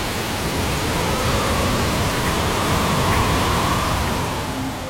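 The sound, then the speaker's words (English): A loud, steady roar of hurricane wind and driving rain during a storm surge along the coast, a dense hiss that stays constant for the whole stretch with a faint whistling tone through it and no voices. “The howling wind. The driving rain. The storm surge along the coast.”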